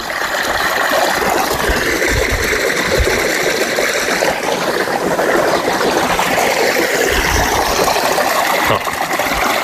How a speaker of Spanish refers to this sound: Con lo limpia que sale el agua, y qué fuerza sale.